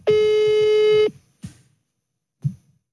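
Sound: phone call dialing tones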